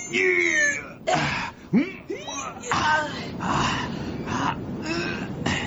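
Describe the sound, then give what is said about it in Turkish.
Wolves howl in long, wavering cries that rise and fall in pitch, several overlapping, with people talking over them at moderate loudness. “Şingilik sadece öyle uluyorlar işte.”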